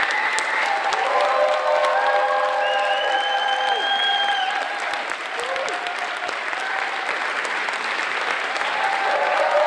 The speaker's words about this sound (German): Premiere geht dem Ende entgegen. Gespannt haben die Kinder das Geschehen verfolgt und so gibt es am Schluss auch großen Applaus.